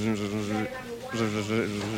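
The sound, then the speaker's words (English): A voice imitates a mosquito's buzz with a steady, nasal droning hum that cuts out briefly and resumes, in three uneven bursts of moderate loudness. “A buzzing sound that quits intermittently.”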